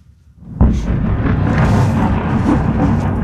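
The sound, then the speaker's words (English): After a brief quiet moment, a sudden loud explosion from overnight strikes on a capital city bursts out, then gives way to a heavy, continuous roaring rumble that carries on to the end. No one speaks. “Explosions flashed across the capital's buildings overnight.”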